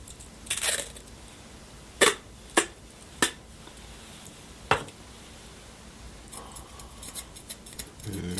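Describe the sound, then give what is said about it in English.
Scissors snip a little piece of tape with four sharp, crisp clicks spaced irregularly, surrounded by soft crinkling and rustling of the tape before and after, with no voices. “And I'll need a little piece of that tape there.”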